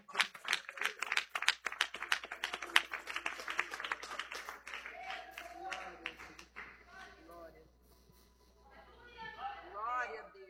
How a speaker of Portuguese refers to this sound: Palmas que engrandece o nome do Senhor.